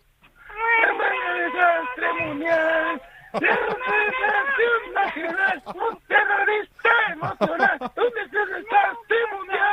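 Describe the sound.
A voice sings a melody in a Mickey Mouse-style voice using drawn-out, meow-like cries, imitating a cat, as a roulette singing-game challenge. The singing is loud, running almost continuously with a short pause early on.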